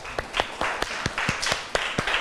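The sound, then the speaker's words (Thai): A small group of students claps in a classroom for the second student group, at the teacher's request during a lesson on waves, with quick, uneven claps overlapping into a brief, moderately loud round of applause and no voices over it. “โอเคค่ะขอเสียงปรบมือให้กลุ่มที่สองด้วยค่ะ”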